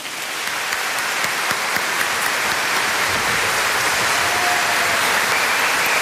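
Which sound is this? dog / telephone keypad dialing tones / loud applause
loud applause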